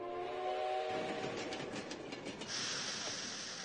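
A train horn sounds a steady, harmonic blast for about a second, then gives way to the loud rumble and rhythmic clatter of a train rolling along the tracks.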